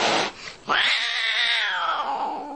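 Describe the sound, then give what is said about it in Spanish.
A cat lets out a loud, drawn-out angry yowl, rising and wavering before trailing off, preceded by a brief harsh hiss-like burst. “Gato con uñas.”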